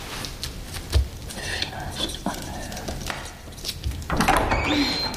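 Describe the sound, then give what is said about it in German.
A door is opened with a couple of soft knocks and shuffling, then a louder rush of noise swells in toward the end, as if outside air were pouring through. “Tür zu!”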